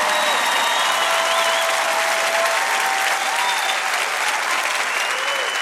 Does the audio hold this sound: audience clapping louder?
yes